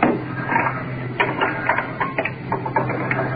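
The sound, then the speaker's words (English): An oxygen cylinder being changed, with a new one being fitted while the oxygen mask is off temporarily: a run of short metallic clicks, clunks and rattles from the fittings, irregular in rhythm, over a steady low hum, with no voices. “Changing oxygen cylinders. Mask off temporarily. Trying to get the new one on.”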